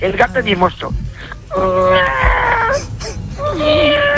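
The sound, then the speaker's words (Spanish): A human voice imitates an affectionate cat with drawn-out, wavering mewing whines, a couple of long sustained tones sliding in pitch, fairly loud with little else around them. “Y el gato mimoso.”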